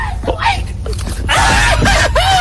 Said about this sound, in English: That's quite a scream.